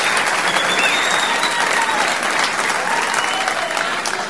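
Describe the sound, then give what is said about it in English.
Steady, enthusiastic applause from an audience, a dense wash of clapping hands that stays loud and even throughout, with faint cheers or whistles mixed in and no talking. “What a nice crowd.”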